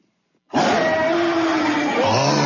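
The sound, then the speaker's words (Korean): A tiger's roar bursts in after a brief silence, loud, holding as one long, rough, rumbling growl with shifting pitch until the end. “무슨 맨날 애니메이션이나 이런 데서 보고 막, 호랑이가 맨날 막 담배나 피고 이러니까, 여러분들 호랑이를 굉장히 우습게 하시는데, 정말 무시무시한 동물이에요.”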